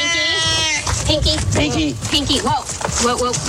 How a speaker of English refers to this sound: Whoa. Whoa. We got a wild cat on our hands.